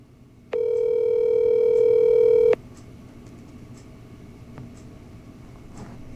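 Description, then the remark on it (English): A single two-second ringback tone on an outgoing phone call from a radio show to the organizer of the Full Moon Festival in Honeoye, a steady electronic buzz that stops abruptly and leaves quiet line hiss. No one speaks. “Well, I don't think Adam's going to answer the phone.”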